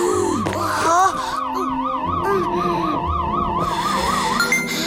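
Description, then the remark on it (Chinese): A heart rate monitor alarm wails loudly and continuously, a rapidly warbling electronic tone like a siren, with higher chirping tones layered on top and busy background noise underneath; the alarm is unsettling a takin. “调整呼吸，你的心率警报声影响了羚牛，它也很不安。”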